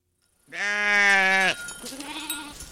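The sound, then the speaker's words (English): A loud, quavering bleat from a Churro sheep or goat lasts about a second, followed by a fainter, shorter bleat. No one speaks. Navajo herders and weavers are bringing dozens of Churro sheep and goats up to graze in the Carrizo Mountains on the northeastern Navajo Nation. “On the northeastern Navajo Nation, herders and weavers are bringing dozens of Churro sheep and goats up to the Carrizo Mountains.”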